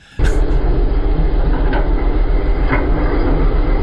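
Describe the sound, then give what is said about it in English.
A Skag lawnmower engine starts up abruptly and keeps running with a loud, steady, rumbling drone and a few faint clicks, with no one talking. “It's a lawnmower, Gene. It's not a four-wheeler.”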